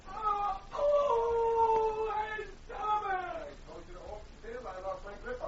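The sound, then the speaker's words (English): A voice lets out drawn-out, wavering howls of pain from the back room of a dentist's office in Dawson, loud and strained, followed by shorter broken moans and cries that trail off unevenly. “looked uneasily at the door that led to the back room as howls of pain came through it.”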